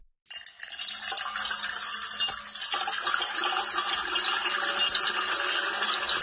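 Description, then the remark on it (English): Seven layered tracks of water pouring into a metal bowl, a dense, continuous bright splashing and rushing with metallic clinks, starting abruptly and staying loud and steady throughout, with no voices. “is soothing if we layer 7 tracks of water being poured into a metal bowl.”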